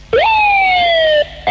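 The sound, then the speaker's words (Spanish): A duck call toy blows one loud, drawn-out tone that jumps up sharply and then slowly slides downward for about a second, with no talking. “Mira, yo también tengo un pato, mira.”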